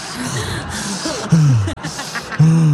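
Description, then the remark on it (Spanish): A voice imitates Darth Vader's heavy, rasping mechanical breathing: several long, hissing breaths in and out, some with a low voiced groan, loud and with no words spoken. “Sube 3 escalones allá y anda respirando como Darth Vader, yo creo.”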